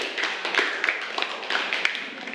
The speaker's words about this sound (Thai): เสียงค่ะปรบมือให้กับกลุ่มที่1ด้วยค่ะ